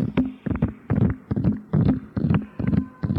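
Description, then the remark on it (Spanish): Hooves of four horses pulling a cart over ice, clip-clopping in a steady, quick rhythm, the hits falling in close pairs and groups, fairly loud, with no voices over them. “Cuando de repente escuchó el ruido de caballos.”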